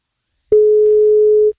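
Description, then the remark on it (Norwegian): A single steady electronic beep of a telephone ringback tone, mid-pitched and loud, holding for about a second before cutting off, with no talking, as radio station 1FM calls a contest participant. “på 1FM som ringer deg”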